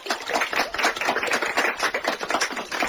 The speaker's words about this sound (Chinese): 众人鼓掌，声音轻轻的。